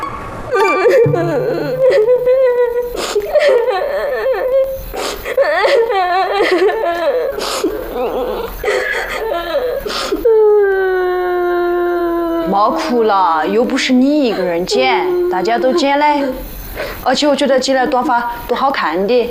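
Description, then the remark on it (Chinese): A girl cries and whimpers, her voice wavering in high, drawn-out sobs that rise and fall continuously, loud and strained, broken by shaky breaths and short sniffling catches. “别哭了，又不是你一个人剪，大家都剪嘞。”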